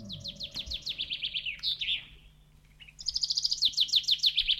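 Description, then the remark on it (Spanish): Small birds chirp in quick, rhythmic runs of bright tweets, two lively bursts separated by a brief lull, clear over a faint low background hum, with no one talking; the birds are coming in through an open window. “hemos dejado la ventana abierta y están entrando unos pajaritos”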